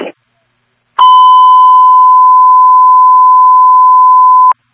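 A fire dispatch radio alert tone, transmitted as Signal 20 for a fire alarm at a Dunkin' Donuts on Wolf Road with truck 9 held, sounds as one loud, steady, unbroken beep lasting several seconds. It follows a brief crackle of static, and no one talks over it.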